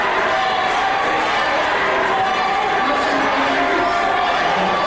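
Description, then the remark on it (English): A dense, loud crowd roar at a New York City Rent Guidelines Board public meeting, many voices shouting and yelling at once in a continuous, overlapping din with no single voice standing out. “The audience screaming got so loud it became difficult to hear the Rent Guidelines Board members speak.”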